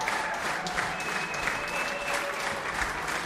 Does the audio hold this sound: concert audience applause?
yes